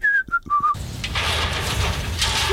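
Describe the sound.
A person whistles three quick, clear notes in a short rising-and-falling phrase, then the whistling stops and a steady wash of noise fills the rest of the moment.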